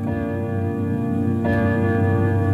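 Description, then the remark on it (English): A grandfather clock in an office chimes the hour, 8 o'clock, with rich, ringing tones that sustain and overlap, and a fresh strike lands partway through, loud with no voices. “The grandfather clock was chiming the hour.”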